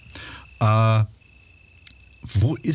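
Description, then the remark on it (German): Crickets chirp as a thin, steady high-pitched trill, fairly faint, following a loud buzzing tone, and then someone starts talking. “Und ich bin dafür, dass wir die Grillen wieder zirpen lassen ein bisschen, oder?”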